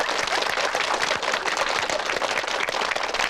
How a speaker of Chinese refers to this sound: 鼓掌呀！